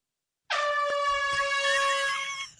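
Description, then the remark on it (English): A single loud air horn blast, blared by a neighbor outside a bedroom window in the middle of the night in December, sounds after a moment of silence, a harsh, steady, brassy tone held for about two seconds before cutting off, with no voices present. “And then in December, he went outside of his bedroom window in the middle of the night and blared an air horn.”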